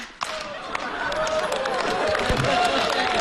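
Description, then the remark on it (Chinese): An audience claps their hands and pats their own faces along to a sung 'if you're happy' call, steadily and loudly for a few seconds, the dense slapping starting abruptly and continuing under a mix of voices and laughter. “拍脸了又？”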